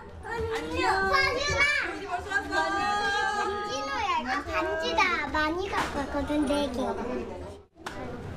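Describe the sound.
Many children's voices overlap in lively, high-pitched chatter and calls as kids arrive one by one in the morning at a small daycare center in an apartment complex in Namyangju, a steady classroom bustle, loud throughout with a brief dip near the end.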